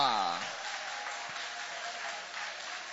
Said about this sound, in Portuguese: Pode tomar o vosso assento, guarda a sua Bíblia com carinho e aplaude a Deus com alegria. Aplaude o nome do Senhor. Oh, glória!